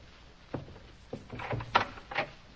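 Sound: door being opened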